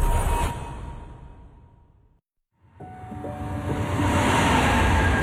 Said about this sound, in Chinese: 地铁穿梭，城市喧嚣，人潮匆匆，擦肩而过。